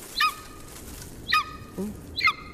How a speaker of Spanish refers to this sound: Es un águila. Águila real. Es un águila real.